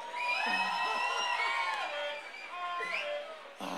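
A concert crowd in Toledo cheers and whoops loudly for several seconds, many overlapping voices rising and falling, with a short burst of clapping-like noise right at the end.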